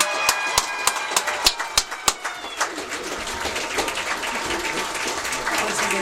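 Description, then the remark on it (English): A crowd breaks into applause for the 2026 Maplewood High School homecoming queen and court, starting with a few sharp, scattered claps that quickly swell into dense, sustained clapping with shrill cheers mixed in, fairly loud. “Let's give one final massive round of applause for the entire 2026 homecoming court.”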